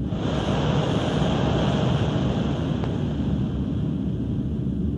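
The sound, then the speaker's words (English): Molten iron pours into a mold to cast an anvil, with a steady rushing roar and an airy hiss on top, holding an even loudness throughout with no voices. “Here comes the iron.”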